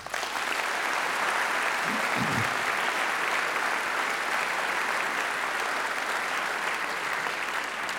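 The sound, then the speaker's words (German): An audience at the Deutsches Jazzfestival 2026, an HR2 Kultur event, claps steadily for several seconds, a dense, even wash of applause with no break, and a brief low murmur from a voice surfaces early on. “Auf diese Unterstützung dürfen wir seit Jahrzehnten zählen und das ist einen Applaus wert.”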